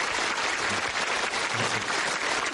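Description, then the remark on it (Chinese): Steady audience applause at a stage performance, thanking a troupe singer who stepped in at short notice, fills the whole stretch, a dense wash of many hands clapping at even volume, sustained, with no voices standing out above it. “所以我建议大家鼓鼓掌，对王老师救场表示感谢。”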